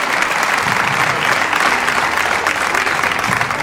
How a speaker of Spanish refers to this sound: Póngase en pie y dele un aplauso al Rey de Reyes.